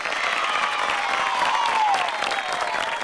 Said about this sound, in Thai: ทุกคนเก่งมากเลยปรบมือให้ตัวเองหน่อย